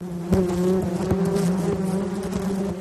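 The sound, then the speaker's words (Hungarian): A steady, dense hum of many honeybees buzzing around a hive, fairly loud, with overlapping wingbeat drones and occasional brief clicks or taps, no voices. “Egyetlen kaptárban akár 50-60 ezer méh is élhet egyszerre.”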